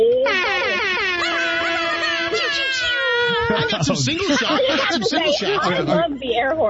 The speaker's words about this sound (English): I love the air horn.